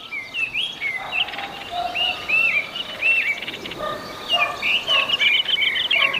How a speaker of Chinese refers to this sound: 听到雏鸟的起食声，父母会继续喂养它们。在这茶园中，鸟儿已学会了与人和谐共生。